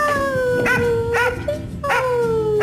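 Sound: dog barking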